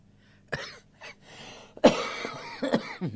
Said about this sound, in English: I thought that cough of mine had gone away, but it's still hanging in a bit.